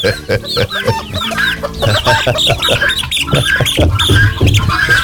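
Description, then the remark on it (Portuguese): Close up, a rooster crows in a weak, strained way, its calls broken into ragged squawks and clucks that repeat almost without pause from start to finish. “Pra esse galo, que esse galo tá morrendo, viu? O bicho tá dando conta de cantar, ué.”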